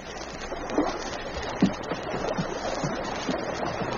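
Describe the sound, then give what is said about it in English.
Canoe paddles dip and splash in a steady rhythm, roughly one stroke a second, over a constant wash of moving water, the paddles striking the water as hunters return home. No voices, just the repeated strokes. “Suddenly, he caught the sound of voices, heard the rhythmic splash of paddles striking water.”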